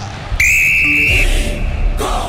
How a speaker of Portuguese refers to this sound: Apita pela última vez no primeiro tempo. Lucas Casagrande termina o primeiro tempo de jogo da 24ª rodada no duelo de Internacional e Galo.